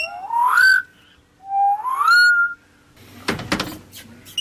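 Birds in an aviary give two clear, rising whistled notes, each sliding upward in pitch, followed by a burst of sharp clattering knocks. No one speaks.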